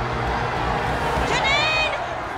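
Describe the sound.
A dense crowd murmurs and calls out continuously at a steady, fairly loud level, with a few voices rising above the babble partway through.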